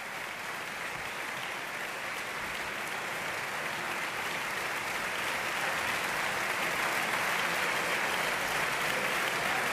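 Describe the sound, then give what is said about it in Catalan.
A large opera audience applauds steadily after the finale, a dense, continuous wash of clapping that swells slightly louder toward the end, with no voices standing out, as singers Pirozzi, Bechaua and Dudnikova go to either side of the stage to greet the public. “Els tres, Pirozzi, Bechaua i Dudnikova, van a banda i banda de l'escenari per saludar el públic que els rendeix aquest gran aplaudiment.”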